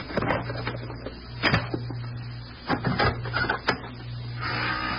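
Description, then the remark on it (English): A pass key scrapes and rattles in a hotel room door lock, followed by a few sharp metallic clicks as the latch gives, all over a steady low hum with no voices. “I'm going to use the pass key.”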